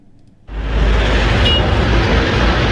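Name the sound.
busy road traffic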